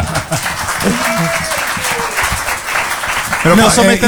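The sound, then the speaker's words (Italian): An audience applauds steadily for several seconds for a remark by Eugenio Finardi, a dense wash of clapping, while voices speak over it and grow louder near the end. “Beh, detto da Eugenio Finardi, un applauso, dai.”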